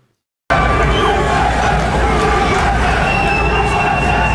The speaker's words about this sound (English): The audience had started chanting USA after this logo came on the big screen.